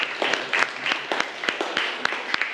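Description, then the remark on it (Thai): A short burst of applause from a class for a classmate's answer, many hands clapping in quick, uneven overlapping claps at a steady moderate loudness, with no voices over it. “โอเคขอเสียงปรบมือให้เพื่อนหน่อยครับ”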